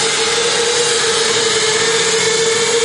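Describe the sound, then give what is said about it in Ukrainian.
A small training drone, used by cadets to learn flight control and micro-control, buzzes steadily in flight, its loud motor whine holding one constant pitch over a broad hiss of propeller noise, with no talking. “Тут ми навчилися взагалі-то контролити сам дрон, літати на ньому, перешкоди, утримування, рухи, повертання на одному місці, оскільки на ньому складніший.”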